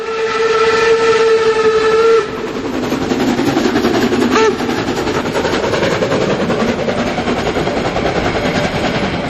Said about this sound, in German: Und hier stampft die Dampflok der HSB den Berg hinauf, kurz vorm Bahnhof 3 an den Hohne.